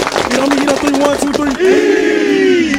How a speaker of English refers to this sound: What's up? We're the Kings Mountain High School football team. And we're your high school team of the week. This week, we got North Gadsden High School ready to carry this momentum into conference play. Everybody clap it up.